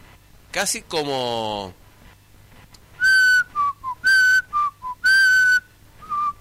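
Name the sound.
person whistling softly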